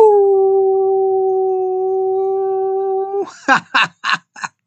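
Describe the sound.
A person gives a long, steady howl that holds one pitch for about three seconds, then breaks off into four short, loud, rhythmic yelps, clear with no talking.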